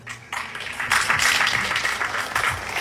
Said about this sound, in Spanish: Saludamos con los aplausos, compañeros.